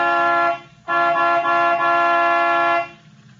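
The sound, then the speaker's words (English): A loud truck horn on a highway honks twice at a tall figure standing in the middle of the road, a short blast followed by a longer sustained one, its steady harmonic tone strong over a low engine rumble. “All right. I'll give it the horn.”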